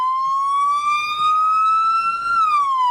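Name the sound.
emergency vehicle siren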